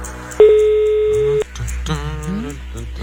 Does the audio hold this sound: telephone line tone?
yes